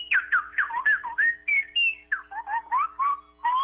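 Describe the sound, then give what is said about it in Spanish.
A woman whistles a rapid, warbling birdlike melody as a caller on the phone line of a call-in show, with quick chirps and trills that slide up and down in pitch, about a dozen bright phrases with no talking. “¿En dónde aprendió a chiflar así tan bonito?”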